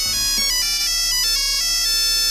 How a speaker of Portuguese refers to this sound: O toque ringtone da Nokia, que poderá ter sido aquele que escolheste, e era esse que atendias as chamadas que chegavam ao teu telemóvel.